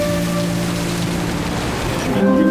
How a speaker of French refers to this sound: J'observe les vagues qui se fracassent sur les rochers dans un feu d'artifice d'écume et d'embrun.